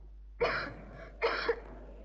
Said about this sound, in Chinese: 外面下着大雨，他仍然在那里罚站。海伦的咳嗽声声都震动着我那颤抖的心，这咳嗽声比雷声还要响。